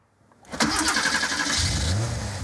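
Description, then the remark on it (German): A vintage car engine at the Prototyp car museum in Hamburg's HafenCity cranks and catches after a short silence, then settles into a loud, steady rumble with a throaty mid-range roar and a low, uneven throb. “Schon das Anlassen. Musik in den Ohren vieler Fans alter Autos.”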